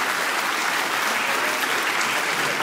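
An audience claps steadily, a dense, even wash of many hands for a few seconds, loud and sustained with no voices over it.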